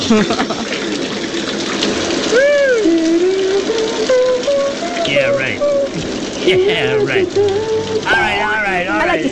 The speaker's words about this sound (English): In fact, we've had a shower installed here at Planet Hollywood, right next to our little booth here, to keep the show fresh and just well scrubbed.